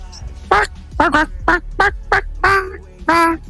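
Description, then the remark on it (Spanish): A person imitates a small duck, voicing Pato Kids, the children's line of the clothing brand Pato Lagoon, with a quick string of about seven nasal, high-pitched quacks, delivered clearly in an uneven rhythm, with no other talking. “¿Y Pato Kids?”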